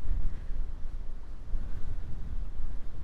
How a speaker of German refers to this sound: Jetzt ist sehr windig, aber so schön.